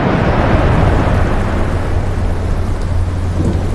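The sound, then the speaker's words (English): A steady, heavy wash of rain with a deep, continuous thunder rumble rolling underneath, loud and unbroken for the whole stretch, with no voices. “You've rained out my trip.”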